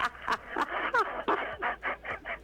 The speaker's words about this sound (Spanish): Es un loro.